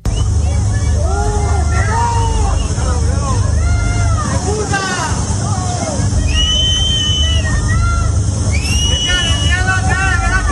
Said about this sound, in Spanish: díganle ustedes a estos vecinos que le están gritando a Pedro Sánchez y que se han visto afectados y que no saben si se han quedado sin absolutamente nada.